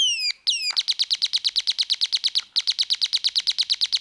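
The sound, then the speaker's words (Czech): Birdsong rings out clearly outdoors in nature on a fine day, opening with a few sliding whistles before settling into a fast, steady run of bright, high chirps repeated several times a second, loud with no voices. “Slyšíte, jak ptáčkové krásně zpívají, slečno Alžběto?”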